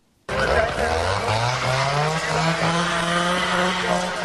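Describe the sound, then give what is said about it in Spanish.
A chainsaw starts abruptly and runs loud, its motor whining steadily higher as it revs up and holds for several seconds without a break. Chainsaws are used at night during the wildfire at Burgohondo, in the Alberche Valley, Ávila. “Por tercera madrugada consecutiva, el sonido de los motosierras y el crepitar del fuego han roto el silencio de la noche en el Valle del Alberche.”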